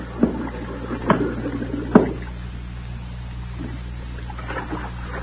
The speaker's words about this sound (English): What's that? What's what? Listen. Some bubbles. Some air bubbles. Can't you hear?